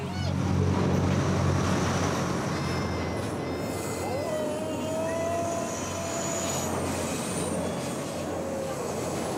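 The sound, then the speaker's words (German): A train rumbles loudly across a railway bridge overhead, a steady heavy roar of wheels on track with high metallic squeals rising and fading throughout. “Unter der Eisenbahnbrücke fühlen sich die Piraten sicher.”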